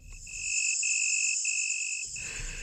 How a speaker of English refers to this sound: Nowadays, insects like crickets transform the night into a symphony of sound, and their sound-making parts often do fossilize.